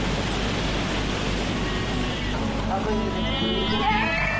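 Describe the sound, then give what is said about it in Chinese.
Sheep bleat as they are caught and tied down for shearing, over a steady low rumble, with a wavering, higher-pitched cry rising toward the end amid background voices and noise. “把它抓过去，把羊毛剪了，不然夏天它会很热，就把它倒下。”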